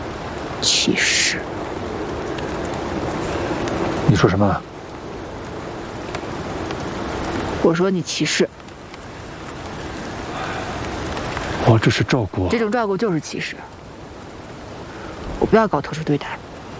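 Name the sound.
rain falling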